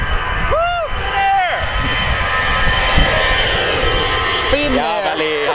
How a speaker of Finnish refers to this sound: Finnair. Matkustajakone. Kyllä siinä vähän yli 90 meni Finnairin matkustajakonekin.